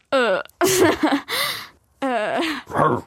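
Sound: person imitating a raccoon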